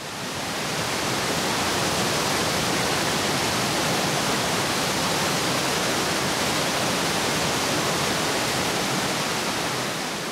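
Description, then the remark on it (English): Europe's largest waterfall, a few kilometers down the river from Schaffhausen, roars continuously as its water plunges some 23 meters, a dense, steady wall of rushing, thundering water that fills the whole clip with no breaks and no voices. “Loud thundering and roaring is guaranteed at Europe's largest waterfall, where the water plunges some 23 meters into the depths.”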